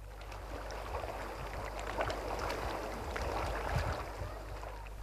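Gentle sea waves lap steadily against the beach a little way off from a hotel terrace on a hot, sunny afternoon, a soft continuous watery wash with small splashes and no voices present.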